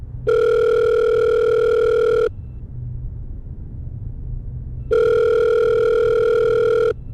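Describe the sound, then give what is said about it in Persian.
Two long electronic ringback tones, each about two seconds with a pause between, heard clearly over a low rumbling background hum, as someone who has picked up a telephone and dialed a number waits for the call to be answered. “تلفن رو برداشتم و شمارش رو گرفتم. خدا خدا می کردم که جواب بده.”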